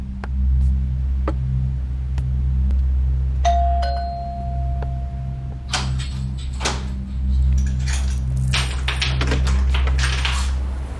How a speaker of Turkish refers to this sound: Canım, şimdi kapı çalıyor. Sonra konuşuruz.